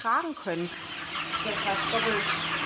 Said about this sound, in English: These chickens are 7 weeks old. Conventional broilers would already be past their slaughtering age.